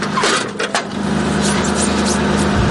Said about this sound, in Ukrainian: Знову заводиться САУ, розрахунок має відпрацювати і якомога швидше полишити вогневу позицію.